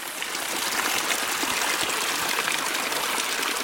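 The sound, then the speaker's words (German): A small, elongated waterfall at a river's source pours steadily from a rock massif in the jungle of the Las Mercedes reserve, a continuous bright rush of falling water with faint splashing detail, even in level throughout, with no voices. “Ein auf- und abschwellendes Konzert von Zikaden begleitet uns den Flusslauf hinauf bis zur Quelle, die sich in einem kleinen langgezogenen Wasserfall aus einem Felsmassiv ergießt.”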